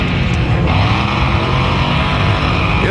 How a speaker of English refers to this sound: Oh, one thing I wanted to mention, that at 1 o'clock on the car show, this is one of the features, is they're all going to fire up these cars all at the same time, like at 1 o'clock.